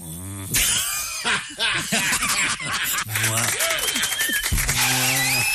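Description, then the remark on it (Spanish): A person imitates a cow in heat with loud, drawn-out, wavering moos and groans in bursts, while others snicker and laugh throughout. “La vaca en celo. El celo es más salvaje, la vaca en celo.”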